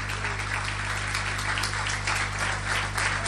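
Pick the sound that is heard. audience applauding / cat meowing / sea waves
audience applauding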